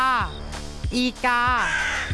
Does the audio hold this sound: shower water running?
no